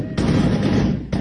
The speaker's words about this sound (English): Shots ring out as gunmen on motorbikes ride into a village in northwest Nigeria.